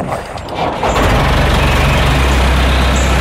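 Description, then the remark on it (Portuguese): A heavy tractor engine, used to cut brush on a hot day, rumbles loudly, its deep droning steadying after a brief rise in revs, with a rough mechanical clatter running through the whole stretch. “Cuidado com o trator. Tenho de cortar o mato.”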